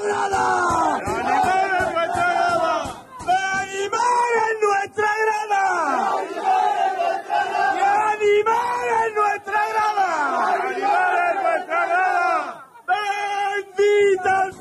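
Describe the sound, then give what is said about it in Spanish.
A man shouts and yells loudly and continuously while celebrating amid a cheering, chanting crowd of his fans, the voices rising and falling in excited bursts with barely a pause over about fifteen seconds. “Los gritos de …, que disfrutaba con su gente”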